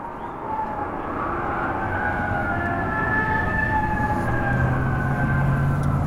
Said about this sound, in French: Le peuple de Dallas pleure, les ondes des voitures de police pleurent, elles aussi.